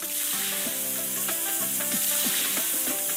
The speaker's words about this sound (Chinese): 热油下入5花肉片，肉片与热油接触的瞬间爆出丰富的油脂，肉香四溢。